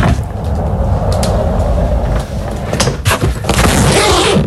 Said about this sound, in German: Ja, das ist dein Rollkoffer. Du bist mit deinem Koffer entlang gerollt und hast ihn dann aufgemacht.